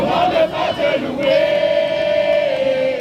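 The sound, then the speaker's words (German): A welcoming committee of children and teenagers sings and cheers together in a loud, sustained, high-pitched chant, with a scattering of clapping and crowd noise underneath, as Pope Leo XIV lands at Paris-Orly airport in France. “Ein Empfangskomitee aus Kindern und Jugendlichen singt, klatscht und jubelt, als der Papst am Flughafen von Paris-Orly landet.”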